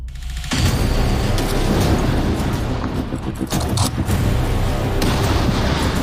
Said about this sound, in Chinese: 那现在进行的呢，就是12.7毫米大反器材狙击步枪的这个整百米射击考核。整百米什么概念？他们要对远处300米、500米、600米、800米、1000米，分别进行射击。